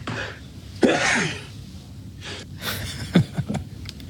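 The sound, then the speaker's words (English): A burst of four sneezes, one sharp sneeze followed after a pause by three quicker ones in a row, each a sudden breathy explosion with sharp gasping intakes between them, no talking. “That's a quadruple that sneeze tiny.”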